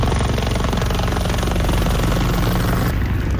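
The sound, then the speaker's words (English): A helicopter roars overhead while dropping thousands of liters of water over wildfire flames in eastern Spain, its rotor producing a steady, loud, rapid chopping throb that fills the whole clip with no voices. “A helicopter drops thousands of liters of water over flames in eastern Spain.”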